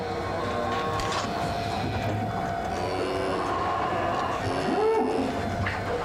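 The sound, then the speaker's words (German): A feed-distributing machine in a cow barn hands out a muesli-like feed to the cows, running with a steady, loud mechanical rumble and whir, a low hum underneath and a brief rising squeal partway through. “Eine Maschine verteilt dieses Müsli an die Kühe.”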